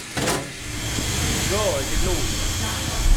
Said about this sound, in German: Mit einer Winde zieht die Mannschaft der FS Heinke das Netz auf das Arbeitsdeck.